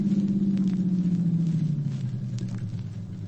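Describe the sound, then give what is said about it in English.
A Buick convertible's engine rumbles steadily, its low drone dropping in pitch and easing off as the car slows and pulls up on Gough Street, between Francisco and Bay. No voices. “There's a car coming up now.”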